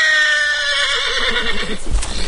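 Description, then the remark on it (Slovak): A horse whinnies agitatedly in a long, shrill, quavering call that rises and falls, followed by a few heavy thuds at the end. No one speaks. “Môžeš mi povedať, čo s tým koňom robíš, že je takýto zjančený?”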